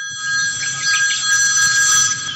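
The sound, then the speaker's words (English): A telephone rings loudly, a steady, high electronic trill that holds unbroken for a couple of seconds with no voices over it. “This is a phone call.”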